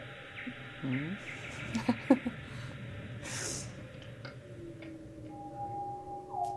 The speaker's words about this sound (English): Bats.